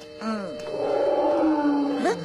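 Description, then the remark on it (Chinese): A wild tiger's deep, drawn-out roar sounds once, swelling in and sliding in pitch for about two seconds before rising sharply at the end, loud with no voices. “老虎应该在我们周围，我们快走几步。”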